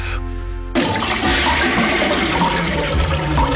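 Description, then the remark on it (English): A loud toilet flush: water rushes and gurgles steadily down the drain for about three seconds, preceded by a brief tonal hum at the very start. “Life going down the drain?”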